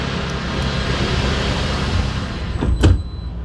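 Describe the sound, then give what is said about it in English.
A steady, low vehicle rumble runs throughout, then a large sliding glass door of a sleek futuristic vehicle, resembling an all-electric delivery truck, glides along briefly and closes with a firm thump near the end, on a manufacturing plant floor. No one speaks. “It looks sleek, like one of Amazon's all-electric delivery trucks, except with big sliding glass doors.”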